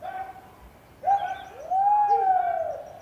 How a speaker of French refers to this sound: On est en terre de feu, au sud de l'Argentine. Des fermes immenses avec des milliers de moutons. Et on entend au loin des gens qui font peur aux moutons.